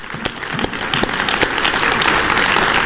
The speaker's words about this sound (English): Yeah, you can clap. Praise the Lord.